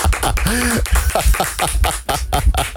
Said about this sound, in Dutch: Applaus voor Serginho.